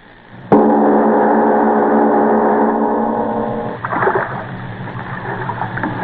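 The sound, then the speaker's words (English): A sudden sustained humming tone rings for a few seconds, then gives way to the irregular splash and slosh of oars dipping into water as a rowing boat moves along. “But why must you row me there? I told you, miss, no boat can get past the reef.”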